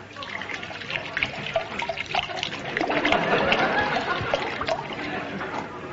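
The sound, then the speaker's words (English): Brandy pours from a bottle into a glass in a steady trickling stream lasting several seconds, growing fuller and louder partway through before easing off. “This time, just give me the bottle. I'll pour it myself.”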